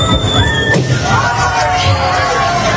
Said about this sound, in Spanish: Claro, lo que escucháis es un globo a modo sonido real. Esto sonido real. Es sonido real. Como una persona, el chupinazo. Sí, una persona silbando, investigación, sí, una persona silbando y otra explotando un globo con un alfiler, ¿no?